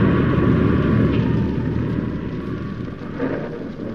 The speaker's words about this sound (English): The church bell had struck 12, and I started after her when the wind and rain struck with a fury I'd never known before. It raged so violently, I was forced to take refuge under a huge tree and wait for it to subside.